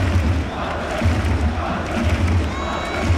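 A large stadium crowd roars continuously, a dense wash of cheering and shouting voices with rhythmic low surges, loud and enveloping throughout.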